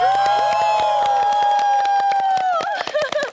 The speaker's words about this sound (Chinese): 他们这边赢在哪你知道吗？啊，赢在他也欧了。 哦，我没欧。 你没欧，现场观众都欧了。